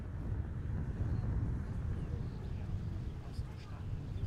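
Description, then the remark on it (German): Strong wind roars and buffets the microphone in a steady, rumbling rush, heavy in the low end, with no clear break in the gusting for the whole stretch, atop a 36-metre-high observation tower in Merzdorf on the coast. “Doch heute ist es oben zu windig zum Reden, typisch Küste.”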